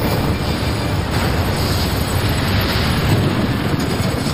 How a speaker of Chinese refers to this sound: 几秒后，68公斤炸药将水泵房夷为平地。